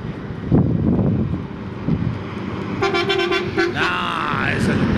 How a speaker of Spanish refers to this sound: Acá hay a ver si esto sirve. Bocina de colectivo, a ver.